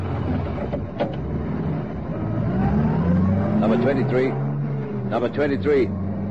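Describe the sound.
A police sergeant starts a patrol car engine, which revs, its pitch climbing steadily over a few seconds before settling into a rumbling idle, with muffled voices breaking in near the end.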